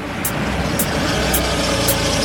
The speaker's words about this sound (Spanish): What's that? A car is pulling up.